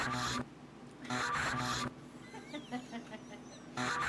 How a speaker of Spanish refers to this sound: Oiga, escuche bien, maestro. Escuche bien clarito, se oye el... Como que estaba lijando una tabla